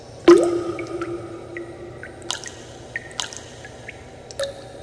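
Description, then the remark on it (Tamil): Water drips steadily in a water-saving message, sharp plinks landing every second or so, the first loud and splashy, the rest lighter with a hollow ring, over a faint low background hum. “சிந்துவது தண்ணீர் அல்ல, எதிர்கால தலைமுறையினர் சிந்த இருக்கும் கண்ணீர்.”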